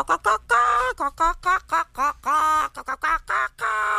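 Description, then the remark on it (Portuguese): A human voice imitates a hen clucking: a rapid, loud run of nasal, squawky bursts, about a dozen choppy clucks over a few seconds. “a galinha foi cantar no microfone. A galinha cantava assim.”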